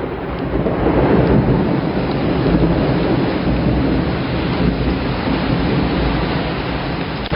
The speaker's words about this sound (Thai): หนักมากจ้าทั้งฟ้าทั้งฝนเลยจ้า